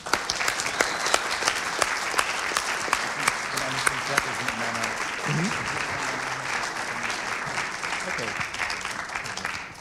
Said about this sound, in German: Also, einen Applaus vielleicht schon mal an das Vuk-Theater.